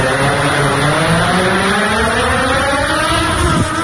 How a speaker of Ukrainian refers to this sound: Оператор злітає і маневрує дроном. Маневри та політ на низьких висотах займає до півгодини. На даний момент пролетіли близько 15 кілометрів. Дрон веде себе абсолютно стабільно, без всяких нюансів, недоліків.